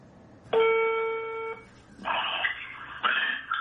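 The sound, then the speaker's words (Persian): A steady electronic telephone tone sounds for about a second, followed by two harsher buzzing ring bursts in quick succession, fairly loud with no voices, as one of Haj Saeed Tousi's students phones him on a recorded call. “یکی از شاگردای حاج سعید طوسی زنگ میزنه بهش.”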